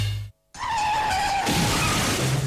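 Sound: car scraping against something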